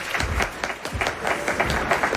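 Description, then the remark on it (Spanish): A crowd applauds steadily to welcome a deputy script director onto the stage, many hands clapping in a dense, continuous patter at moderate loudness, with no voices standing out above the clapping. “Un aplauso fuerte”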